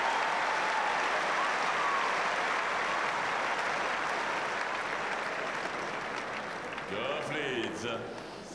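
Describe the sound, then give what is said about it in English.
A tennis crowd claps and cheers loudly after Coco Gauff beats Sierra with an angled winner to lead 6-5, a dense, steady wash of applause that slowly eases before a voice starts speaking over it at the end. “Coco Gauff, and the crowd lapping it up as the American now leads 6-5.”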